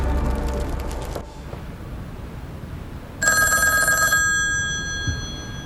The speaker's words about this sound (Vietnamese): Tôi nghe điện thoại đó.